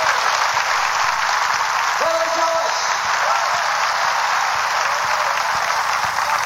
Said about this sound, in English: Hallelujah. Come on, give the Lord a hand clap.